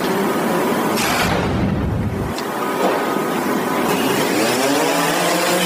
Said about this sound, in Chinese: 使用无人机看空中飞过去，如果能拍摄到的话，我们就会直接锁定嫌疑目标。